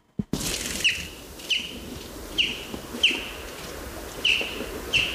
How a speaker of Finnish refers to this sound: Siinä kuultiin peipon ääntä ja tuo lentoääni, tuommoinen jyp, jyp, jyp, sitä voi kuulla silloin, kun lähtee ehkä töihin tai askareisiin aamulla, aamutaivaalta, menee isoin parvein. Se on Suomen toiseksi runsaslukuisin lintu